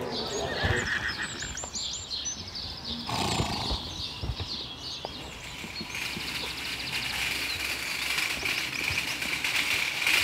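horses neighing

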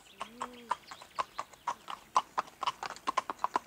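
horse hooves walking

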